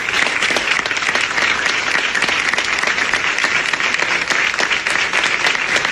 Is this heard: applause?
yes